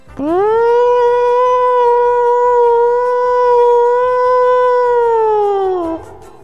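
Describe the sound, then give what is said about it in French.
A person imitates a siren with a long, sustained wail that sweeps up quickly, holds a steady high pitch for several seconds, then slides down and cuts off. No other sounds. “Et toi, tu l'as fait beaucoup mieux, la sirène.”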